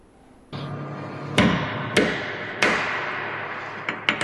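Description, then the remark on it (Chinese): An iron hammer strikes a hard ceramic ball, a new product of the Cichuang company in the Harbin New Area advanced equipment manufacturing industrial park, China, about seven times at an uneven pace, each bright, sharp clack trailing a short ringing decay, the last three blows coming in quick succession; no voices. “大家看这个连铁锤都砸不坏的陶瓷球啊，就是瓷创企业前不久刚刚研制出的新产品。”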